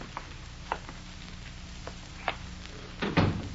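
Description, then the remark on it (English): A few light clicks and knocks sound, then a heavier, thudding bump as a door swings shut near the end, with no one talking. “Quit drinking that stuff and close that door.”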